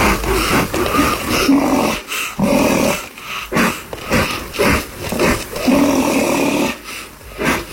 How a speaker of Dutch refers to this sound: Het is een puntlipneushoorn. Oh ja. Beter bekend als de zwarte neushoorn.